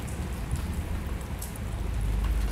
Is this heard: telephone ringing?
no